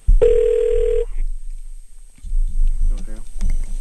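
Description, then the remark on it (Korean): A single loud, steady telephone ringback tone sounds for just under a second as a Far East Broadcasting radio show phones a listener in Ulsan, followed by a brief silence before people begin talking. “이번에는 울산에 계신 분 한번 전화 연결해보도록 하겠습니다.”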